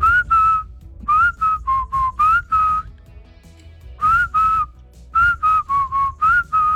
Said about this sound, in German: Die 80er, 90er ohne zum Beispiel dieses Pfeifen undenkbar.